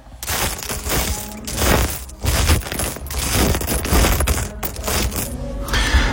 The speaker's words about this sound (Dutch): Spelen met de Lego, die ik voor mijn 40ste verjaardag heb gekregen.